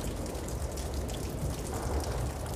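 rain falling

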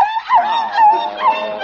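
pekingese dog whimpering

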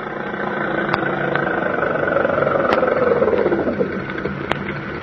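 car engine idling

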